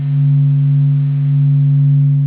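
A steady, loud electronic hum of low, pure tones with faint higher overtones, holding one unwavering pitch throughout with no voices present: the hum of the Sun's activity, recorded by telescopes on the ground or aboard space probes and made audible.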